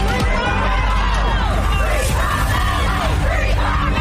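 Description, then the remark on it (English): A large crowd outside a North Texas courthouse shouts and yells in reaction to the verdict in the Carmelo Anthony murder trial, many overlapping voices whooping and bellowing at once in a loud, continuous roar with no single voice standing out. “Crowds outside of a North Texas courthouse are reacting to the verdict in the Carmelo Anthony trial.”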